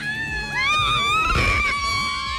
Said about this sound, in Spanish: Oigan, a ver, ¿y el grito del Newland? ¿Cómo grita la banda del Newland?